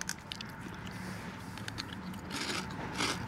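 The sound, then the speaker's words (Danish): Crunching and chewing on crisp sea-salt chips during a taste test, a steady series of sharp, dry crackles that grow louder toward the end, with no talking. “Ja, der bliver knaset.”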